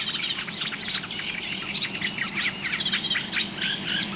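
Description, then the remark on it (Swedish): Two reed warblers sing continuously at the edge of a wetland with some water, a rapid chattering stream of scratchy, repeated churring notes that runs without pause over a steady low background hum. “Och det vi har lyssnat på är ju framförallt de här två rörsångarna.”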